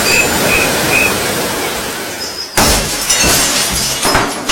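glass breaking and shattering

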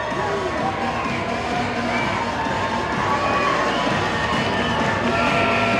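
baseball stadium crowd cheering

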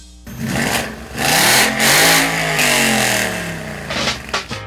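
classic car engine revving

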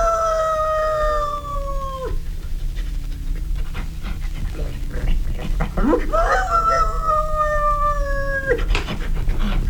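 dog howling and whimpering

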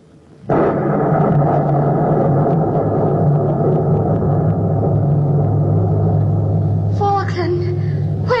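thunder rumbling

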